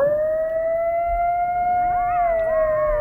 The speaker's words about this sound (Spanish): Los lobos. No es un lobo. Coyote. Sí, señor. Un coyote.